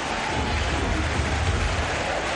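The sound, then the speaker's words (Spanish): A dense, steady roar of the Boca Juniors crowd at La Bombonera cheering and applauding the Ecuadorian player Valencia as he comes on, holding at an even, loud level throughout with no individual voices standing out. “Y aplausos para el ecuatoriano, ¿eh? Escuchá cómo está la bombonera.”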